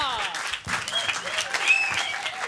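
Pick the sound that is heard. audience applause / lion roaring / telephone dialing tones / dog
audience applause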